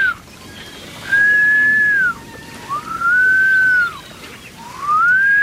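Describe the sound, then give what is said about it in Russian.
A person whistles three long, steady notes, each swelling up in pitch, holding, then sliding down at the end, with short pauses between them and no talking. The whistling is meant to call up the wind while drifting on the water after the wind has died down. “Вызываю ветер. Его же можно насвистеть, известное дело.”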